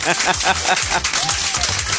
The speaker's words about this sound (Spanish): Vaya el aplauso ahí. Que se escuche fuerte.